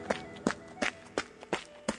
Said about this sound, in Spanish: Pero el 7º se ocultó en el armario. Cuando la madre cabra volvió a casa, el hijo salió corriendo del armario